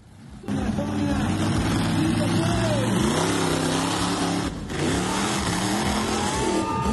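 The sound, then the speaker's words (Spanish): A monster truck engine roars loudly at a monster truck exhibition in Colombia, its pitch climbing and falling in repeated revs over a steady din, with indistinct crowd voices mixed in. “Y en Colombia, una exhibición de las llamadas Monster Truck terminó en una tragedia el domingo, cuando una camioneta perdió el control y atropelló a los asistentes.”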